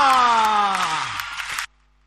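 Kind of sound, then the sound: crowd, audience clapping and cheering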